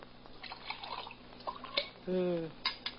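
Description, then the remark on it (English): Coffee is poured into a cup in a short gurgling stream whose pitch rises as the cup fills, preceded by a few light clinks of crockery. “Want to pour me some coffee?”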